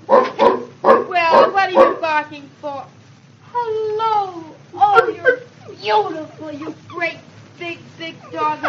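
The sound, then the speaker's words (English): A big dog barks in a quick run of short bursts, then shifts to drawn-out whimpers and whines with rising and falling pitch, barking again intermittently. “Oh, you're beautiful, you great big dog like you.”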